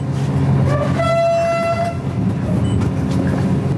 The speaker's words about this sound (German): Schnellzug Nummer 889 hat den Hauptbahnhof Vilnius in Litauen pünktlich um kurz vor 7 verlassen.